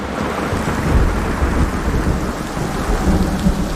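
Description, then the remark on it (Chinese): A heavy storm in the mountains roars steadily, with dense pouring rain and deep rumbling thunder filling the low end. The loud wash of rain holds constant throughout, and no voices are heard. “山下有冷风过境时，通常意味着山上会出现剧烈的天气变化。”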